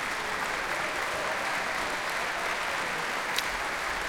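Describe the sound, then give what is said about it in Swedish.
A large audience in the Berwaldhallen concert hall stands and gives sustained, dense applause to three ensembles and soloists conducted by Simon Crawford Phillips after Mendelssohn's Second Symphony: a steady roar of many hands clapping at once with no pauses or voices standing out. “Utanför mitt fönster här i Berwaldhallen så är det folk som ställer sig upp och ger stående ovationer till de här tre ensemblarna alltså som tillsammans med solister har spelat för oss ikväll.”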